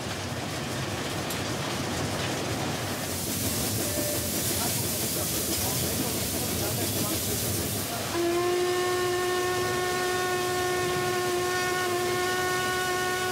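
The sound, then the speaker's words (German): Loud steam hissing from a historic steam locomotive fills the first seconds, then its whistle blows a long, steady, sustained tone over continued rumbling and hiss, prominent. “Das historische Dampfross muss mit viel Geschick gezähmt werden.”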